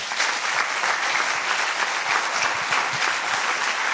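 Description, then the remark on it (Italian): Sustained audience applause at a festival for its artistic director, Luca Crovi: a dense steady wash of many hands clapping at an even loudness for the whole stretch, with no voices rising above it. “Ora siamo davvero alla fine e vi chiedo un applauso grandissimo per la mente e per il direttore artistico di questo festival, Luca Crovi.”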